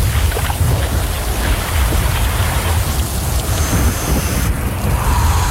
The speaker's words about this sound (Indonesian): Hujan lagi, mana kebawa jas hujan.